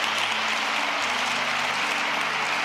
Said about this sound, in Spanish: Denle un aplauso a la iglesia de Cristo.